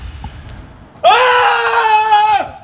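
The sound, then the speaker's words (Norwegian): A loud traditional Norwegian kauk measured at 115 decibels: a single sustained, high-pitched shouted call held steady for over a second, rich in overtones, then sliding down abruptly at the end. No other voices. “Det var et meget bra kauk.”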